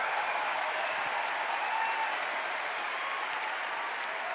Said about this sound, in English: Please give another big round of applause for this incredible cast.